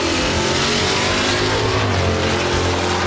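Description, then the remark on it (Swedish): A race car engine roars loudly and continuously at Mantorp, Sweden, revving with a dense, harsh growl that fills the whole clip, intense with no voices. “Underhållande och nära, oavsett om det är ostlängsbråk i Linköping eller motorvrål i Mantorp.”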